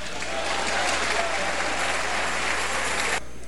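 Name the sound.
audience clapping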